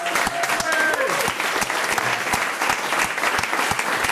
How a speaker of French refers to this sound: qu'on applaudit.